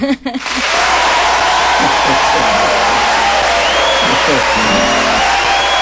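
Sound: applause and cheering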